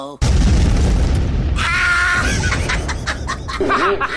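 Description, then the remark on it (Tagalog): A mobile phone explodes: a sudden loud boom bursts out and rumbles on for over a second, then excited high-pitched voices cry out over a lingering crackling roar. “Nabutan og cellphone!”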